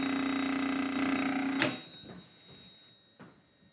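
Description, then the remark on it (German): An old home landline telephone at a telephone museum rings loudly with a bright metallic jangle for over a second, then cuts off abruptly, leaving a fading resonance and a couple of faint clicks. “Und das hier nenne ich mal einen Klingelton.”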